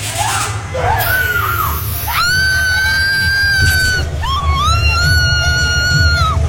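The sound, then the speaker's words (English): A woman lets out long, sustained, high-pitched screams, one after another, over a loud droning rumble, intense, in the strobe-lit cells of the Duchess Manor haunted house at the Arboretum of South Barrington. “The same scream every year”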